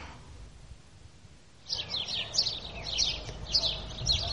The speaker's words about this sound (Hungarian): Csirip, csirip. Milyen szokatlanul éles hangon énekelnek ezek a város végi verebek, amelyek még nem tanulták meg a városi illedelmes hangot.